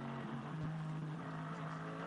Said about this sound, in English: We've been treated to quite a few, you know, the best part of a lap, looking at Mikel Azcona, of course, the former WTCR champion in his Hyundai, who's, you know, he's driving his own race, really, in the Hyundai Motorsport N TCR car.